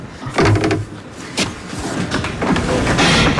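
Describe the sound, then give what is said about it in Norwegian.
A heavy cowshed door slides open to let the cows out after a long winter indoors, with rumbling, scraping rolls and a couple of dull thuds, fairly loud, with no voices. “Først de litt forsiktige når døren åpnes.”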